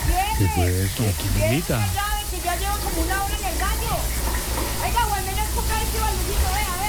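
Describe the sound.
Water pours steadily from a tap left open, filling up, in a continuous, fairly loud rush, while voices talk over it for the whole stretch.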